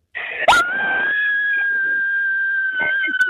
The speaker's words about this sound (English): We're about to scream. All right, give it to me, girlfriend. Got to go for it.